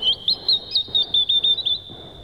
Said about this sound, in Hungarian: Épp ide fog szállni ez a kismadár. Tudja, hogy a vonat megáll az erdő mélyén, és ha dalt hallok